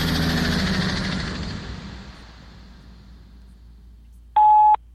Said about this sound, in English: And again, it also is a fantastic warning sign for people. So if you hear that sound, focus close on the road ahead, because a rig with much better visibility than you is putting on the brakes.